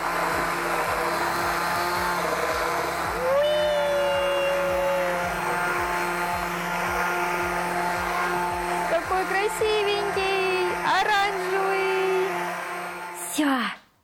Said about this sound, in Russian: Перемешиваем, поварим еще парочку минут и добавляем сыр. Я сначала слегка его разламываю и смешиваю лопаточкой, а потом только уже блендерю.